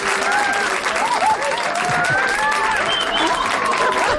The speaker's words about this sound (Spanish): Pero hombre, que se note que están aquí, que son, yo qué sé, serán 40 y tantos, y que den un aplauso, ¿no?